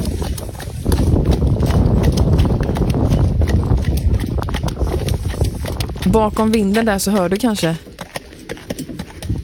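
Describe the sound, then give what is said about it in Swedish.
Hooves of a North Swedish horse clip-clop in a steady rhythm as it pulls a cart on a fine autumn day, with a rushing wind-like noise throughout and a person briefly speaking toward the end. “Det är en nordsvensk häst som heter Disa, tror jag det stod. Jättefin höstdag och sen då den här hästen och vagn.”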